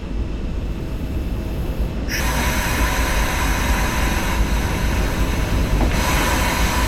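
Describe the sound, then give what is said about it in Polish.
Steady rumbling roar of a moving train carriage, dense low-frequency noise with a constant hiss that brightens after about two seconds; no talking, just continuous rolling rail noise throughout. “Tak, i wtedy jest tak, że na dwóch końcach wagonu, tam gdzie są drzwi, rzeczywiście jest głośniej nieco, a tam gdzie jest środek wagonu, jest ciszej.”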